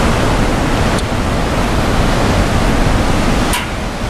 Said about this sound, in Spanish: Estamos en las pasarelas de Panticosa, en el Pirineo Aragonés, en la provincia de Huesca. Un recorrido que se abre paso junto al río Caldarés, entre paredes de roca, bosques húmedos y cascadas que caen con fuerza marcando el ritmo de este paisaje.